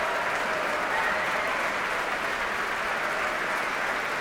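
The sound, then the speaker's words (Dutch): Sustained, dense, enthusiastic applause from a large audience fills the Grote Zaal of the Concertgebouw, a steady wash of many hands clapping at an even loudness throughout with no pauses or voices standing out. “Ja, u hoort het zeer enthousiast publiek hier in de grote zaal van het Concertgebouw.”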